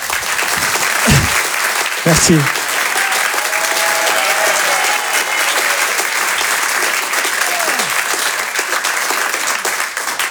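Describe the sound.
Sustained, loud audience applause fills the whole stretch, a dense wash of clapping with a brief voice speaking over it near the start, as a comedy audience welcomes comedian Jérôme Daran on stage.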